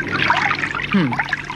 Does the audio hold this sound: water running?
yes